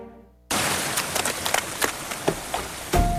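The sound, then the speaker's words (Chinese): Heavy, sudden rain bursts in after a brief quiet tone, a dense steady downpour with scattered sharper drops and splashes, loud throughout. “突然下雨，好狼狈哦！”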